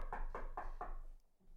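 Four firm knocks on a door in a quick, steady rhythm, slightly muffled, made by someone arriving at the door, followed by quiet room tone. No one speaks.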